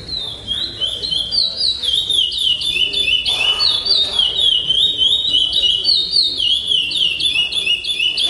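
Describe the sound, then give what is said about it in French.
A trained songbird sings the Praia Grande singing-contest melody, a fast, unbroken melody of bright repeated whistled notes and trills, loud, with a low murmur of background noise underneath. “Ces concours, donc, sont des concours de chant Praia Grande, le nom de la mélodie qui est enseignée aux oiseaux et qui est évaluée pendant ces concours.”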